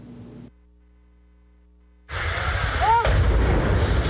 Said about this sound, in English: It's the moment explosions shattered the quiet summer morning in this rural northeastern Pennsylvania town.